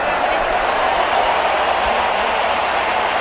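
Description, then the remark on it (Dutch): A large crowd of Mexican football fans sings and chants together in a stadium at the World Cup, a loud, steady wall of blended voices that holds without a break for about three seconds. “Je hoort het, de liederen die gaan door.”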